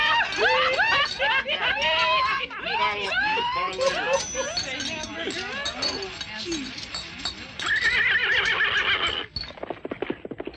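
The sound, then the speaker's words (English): A horse neighs and whinnies repeatedly in a loud burst while hooves clip-clop steadily beneath, with voices murmuring in the background. “someone just stole your horse.”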